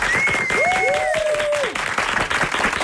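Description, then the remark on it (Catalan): A studio audience applauds a guest loudly and steadily for about three seconds, dense clapping joined by a couple of long, sliding whistles early on. “Un bon aplaudiment.”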